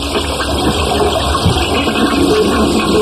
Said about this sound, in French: Enfin, je tire la chasse, je ne comprends pas.